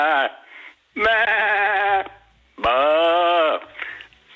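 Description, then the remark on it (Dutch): A person imitates a happy sheep with two long, loud, wavering bleats, each about a second, with a shorter bleating sound before and after them. “Dat was een vrolijk schaap.”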